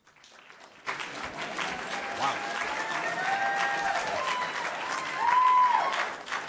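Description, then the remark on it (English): A debate audience breaks into loud, sustained clapping after a candidate's statement, starting abruptly and holding steady for several seconds, with cheering voices and a shrill whoop rising above the applause near the end. “I remind you, let's not have clapping in between because we want to get to all these questions, and the clapping is going to kill our time.”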